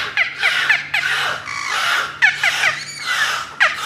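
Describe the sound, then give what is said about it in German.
A beluga whale calls in a rapid string of high, bird-like squeals, chirps and rising whistles, arriving in bursts of about half a second, fairly loud and with no voices over them. “Das ist keine Möwe, nö. Das ist ein Beluga-Wal.”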